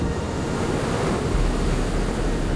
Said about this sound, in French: C'est bon, c'est bien le clapotis de l'Ouest.